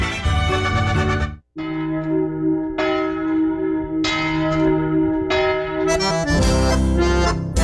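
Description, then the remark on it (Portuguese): The church bell of Vale Vênito rings out loudly, with several strong strikes whose rich, humming tones overlap and linger, the peals coming every second or so without any voices. “Ô, Sino de Vale Vênito, aí um abraço a vocês todos que nos acompanham e estão ouvindo.”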